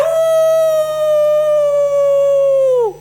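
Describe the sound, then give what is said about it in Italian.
A person imitates a wolf's howl with one long, loud, steady note held for nearly three seconds, then sliding down in pitch as it fades out. It is alone, with no talking. “Ho ululato per quanto”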